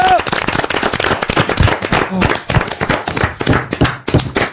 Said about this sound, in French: On vous applaudit et on vous embrasse. Bravo.